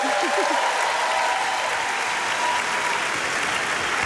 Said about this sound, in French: et avant de commencer, j'aimerais qu'on se rende compte du ballet impressionnant et presque impossible que vont devoir réaliser les techniciens et techniciennes pour que tout ça puisse avoir lieu. Je pense que vous pouvez les applaudir.